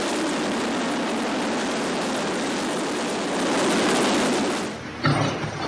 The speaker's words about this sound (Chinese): 下午5点，直升机再次飞抵核心区。不同的是，这次飞机下方有绳索和吊篮。下午5点半，一切就绪后，直升机从核心区起飞，飞往吉隆镇。